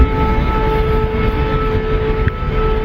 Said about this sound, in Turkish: Rusya, Ukrayna'nın Moskova'ya yönelik İHA saldırısına ağır bir misillemeyle karşılık verdi. Ukrayna bir kez daha patlama sesleriyle sarsıldı, gökyüzü siren sesleriyle yankılandı.